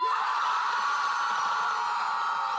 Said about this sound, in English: All right. On 3, you guys are going to cheer as loud as you can. You ready? 1, 2, 3.